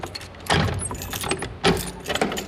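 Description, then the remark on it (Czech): Keys jingle and metal clicks and clunks as a lock is worked and the door to the Wenceslas Cellars (Václavské sklepy), beneath the third and fourth courtyards, is unlocked, with two louder bursts of rattling among softer scraping. “Poté, co mi odemkne dveře.”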